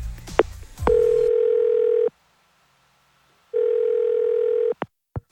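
An outgoing phone call's tone: two long, steady buzzing tones separated by a silent pause, clear, with a few clicks of handling at the start and end.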